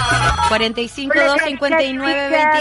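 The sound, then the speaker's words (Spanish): A telephone rings with a melodic, stepped electronic tone, repeating its short pattern continuously and clearly for a couple of seconds. “Nos vamos al teléfono.”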